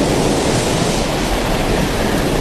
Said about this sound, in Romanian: Ascultă valurile.